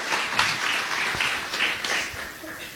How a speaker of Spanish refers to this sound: Puede regalar una ofrenda de aplauso al Señor, los comprados con la sangre de Cristo.